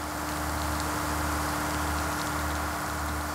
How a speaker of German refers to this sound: Die erste Kameraeinstellung: Regen auf der Frontscheibe des fahrenden Autos.